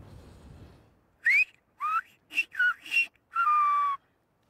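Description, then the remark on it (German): A sequence of five sharp, tonal whistled phrases in Silbo whistled language, a student whistling an animal name (the platypus) outdoors, with rising and falling pitch glides separated by brief pauses, loud, mimicking the rhythm of spoken syllables. “Jetzt pfeif du mal eins für mich.”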